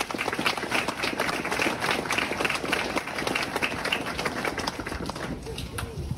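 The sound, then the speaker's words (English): An audience at an award ceremony applauds the young award recipients steadily for about six seconds: dense, continuous clapping at an even loudness, with no pause or fade. “Please give another round of applause for all our inspiring, deadly young people up here today.”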